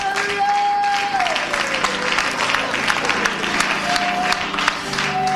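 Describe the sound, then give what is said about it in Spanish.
A church audience claps steadily and continuously as applause for the Lord, a dense, loud wash of applause with crowd murmur mixed in and a sustained tone gliding in the background. “Dale ese aplauso al Señor, hermano, con todo el corazón.”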